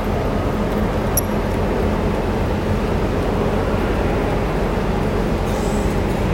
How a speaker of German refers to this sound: So, jetzt lassen wir nochmal den Knecker nochmal aufdrücken. Hier für einen Euro kann man eine ganze Menge Züge fahren lassen.